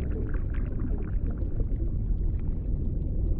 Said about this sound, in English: The blue whale, the largest animal ever known to have lived, creates deep sounds too low for our ears. This infrasound travels over 800 kilometers.